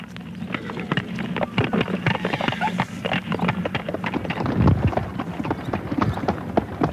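Steady clip-clop of horse hooves pulling a light sulky, a brisk irregular rhythm of sharp knocks over a low rumbling hum, with a slight breeze of wind noise throughout.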